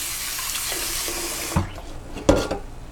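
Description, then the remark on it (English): Steady rush of cold tap water running into a bowl of lentils for about a second and a half, then it cuts off, followed by a couple of wet clunks and sloshing as the lentils are swirled and thoroughly washed. “So now we will wash it. Thoroughly wash it. It's better to wash it with cold water.”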